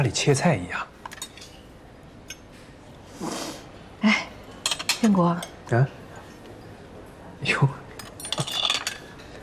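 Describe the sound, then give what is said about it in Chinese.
Light metallic clinks and scrapes of a knife and fork against plates as a large piece of meat is cut with the knife, in short irregular bursts, with occasional voices and table noise in between. “哎，用刀。哎，就跟家里切菜一样。”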